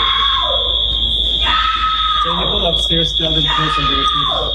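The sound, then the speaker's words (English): Selma Blair, getting off a plane, screams loudly in several long, wavering wails, while a steady, piercing high-pitched alarm tone drones continuously underneath. “She's screaming like a maniac.”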